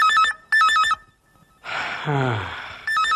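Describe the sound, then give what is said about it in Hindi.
A telephone rings in loud, warbling trilled bursts, two in quick succession and a third starting after a pause, with a brief breathy vocal exclamation in the gap. “लो फिर से फोन की घंटी बजी।”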